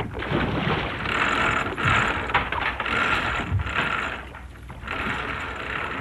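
A ship's heavy stern anchor chain rattles out through a winch in a continuous clanking, ratcheting run, loud and metallic, with brief dips and surges in intensity as links feed rapidly over the gear.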